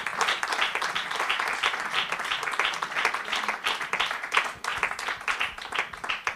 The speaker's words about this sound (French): On peut effectivement applaudir.